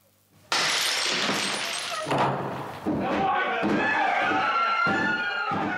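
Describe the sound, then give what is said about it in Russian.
A door is being forced in with loud crashing and splintering blows, several heavy impacts following one another, while raised voices sound underneath. “Не ломайте дверь! Стрелять буду!”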